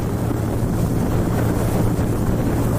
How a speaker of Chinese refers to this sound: 因为斑海豹对声音具有高度的敏感性，噪声较大的渔船不便靠近蚂蚁岛，为避免对它们造成干扰，我们决定乘坐一艘快艇前往。